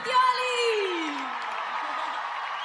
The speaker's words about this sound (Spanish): ¡Fuerte el aplauso!